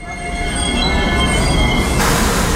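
A train rumbles steadily past at Praha Bubny railway station in Prague, Czech Republic, its wheels letting out high, sustained metallic squeals over the loud, continuous rolling noise; no one speaks.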